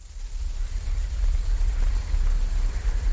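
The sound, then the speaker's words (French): A dense, steady chorus of frogs calling together, a continuous shrill trilling that fills the background at moderate loudness over a low outdoor rumble, with no voices. “C'est un chant sorcelant que celui d'une garnoule libre de choisir où vivre et se délecter des moustiques et autres gourmandises volantes.”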